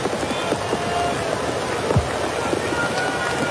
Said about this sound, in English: The pitch, and it's high, a ball, and man, it's an absolute hard rain falling now, and I wonder how much longer we're going to play. It's a downpour.